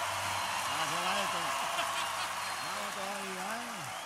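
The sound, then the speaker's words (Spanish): Steady, dense applause from an audience fills the whole stretch, a constant crackling wash, while a voice calls out over it in rising and falling tones. “Fuerte el aplauso.”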